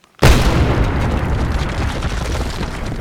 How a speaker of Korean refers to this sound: 나무토막의 불은 잠시 사그라드는가 싶더니 공기제어 요원 주변의 분진과 만나 큰 폭발을 일으켰다.